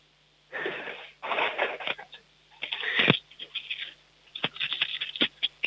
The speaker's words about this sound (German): Jetzt wollen wir noch die Münzen hören. Hast du Kleingeld? Hol mal aus Mamas Geldtasche schnell ein paar Münzen und wirf sie auf den Tisch.